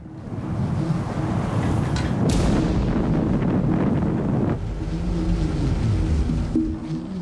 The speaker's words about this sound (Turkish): Ama rüzgar bizim istediğimizden çok daha fazla esiyor.